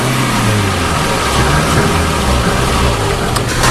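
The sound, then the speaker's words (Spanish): A car engine hums steadily and loudly throughout, with a low droning rumble and broad road noise, as if heard from inside a car driving along the border fence of Melilla, starting at the south dike opposite the port of Nador; no one speaks. “Nos subimos al coche para recorrer la línea de esta verja que comienza en el dique sur frente al puerto de Nador.”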